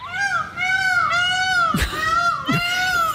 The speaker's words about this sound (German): Und das kann nerven. Ja, das ist wirklich eine skurrile Geschichte. In Wena ist ein Pfau unterwegs, und zwar ein Ausgebüxter, der die Nachbarschaft seit ja wirklich 3 Monaten ordentlich auf Trab hält.